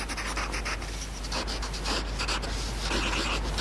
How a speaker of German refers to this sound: Ich mag auch das Geräusch, wenn man mit Bleistift so auf Papier schreibt.